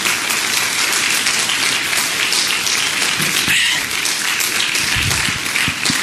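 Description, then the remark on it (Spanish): Sustained audience applause, given as an applause to God, a dense steady wash of many hands clapping at an even, loud level for several seconds with no voices rising above it. “Denle un aplauso a Dios. Un aplauso al Señor.”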